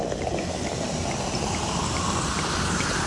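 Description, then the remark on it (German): Sparkling wine being poured generously into glasses at a sparkling wine tasting in a winery tasting room in Stellenbosch, South Africa, a steady fizzing and splashing rush of liquid that keeps going evenly for a few seconds with no talking. “Johanita gießt großzügig ein.”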